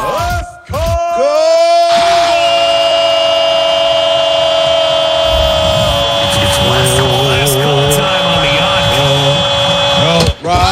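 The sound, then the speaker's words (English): A man lets out a long, loud, muffled scream with his hand over his mouth, the strained cry holding for several seconds with wavering pitch before cutting off. “You aren't screaming”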